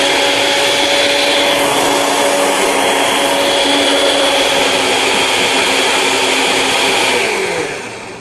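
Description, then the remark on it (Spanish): A household blender runs at its fastest speed, blending milk and oil into a thicker, creamier mixture, with a loud, steady motor whine and churning roar that holds constant for several seconds before starting to wind down at the end. “Y tenemos que usar la velocidad más rápida en la licuadora para batirlo.”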